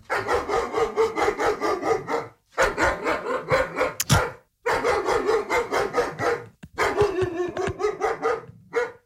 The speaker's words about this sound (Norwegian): Jeg bruker å putte på lyder av sinte hunder som bjeffer. Det bruker å motivere meg veldig til å fortsette løpinga.